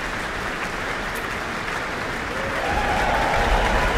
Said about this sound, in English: Hugh Dan, principal trumpeter, receives his applause with the rest of the trumpet section. After the reduced classical orchestra of the Mozart first half, we're now back to our full symphonic Auckland Philharmonia.